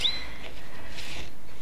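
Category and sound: bird, birds chirping and singing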